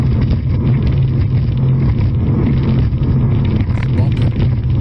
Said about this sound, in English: Whoa, whoa! What is he doing with that throttle? There you go. Now I think there were some boats that were all racing over there.